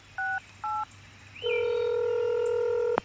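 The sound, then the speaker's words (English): Two short touch-tone beeps of a phone number being dialed, followed by a long, steady electronic tone that ends abruptly with a sharp click. No one speaks. “Think about what you want to ask before you make that call.”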